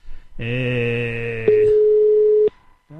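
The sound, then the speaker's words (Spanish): A telephone line tone on an outgoing call: a buzzy electronic hum gives way to a steady, pure ringing tone lasting about a second, then cuts off. Loud, with no one answering or speaking. “A ver, si me coge el teléfono.”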